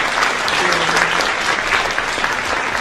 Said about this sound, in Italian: L'applauso, tutto per te, complimenti, grazie.